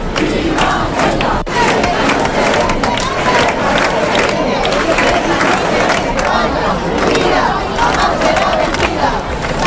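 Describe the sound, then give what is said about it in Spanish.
A large protest crowd shouts and cheers continuously, a dense roar of many voices with chanted outbursts rising and falling, loud and sustained throughout. The rally fills a town hall square in Spain with Spanish flags and banners in defense of Ceuta. Shouts call for Pedro Sánchez's resignation, and there are cries of "¡Viva España!" “Los gritos se sucedieron durante una concentración marcada por el enfado y por el respaldo a los ciudadanos de Ceuta.”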